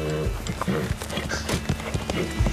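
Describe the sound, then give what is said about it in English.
Hooves of several wild horses clip-clop in an uneven, overlapping rhythm, the sharp knocks standing out over a steady low rumble of movement; about 20 horses are in the area. “These wild horses are pretty tooled up.”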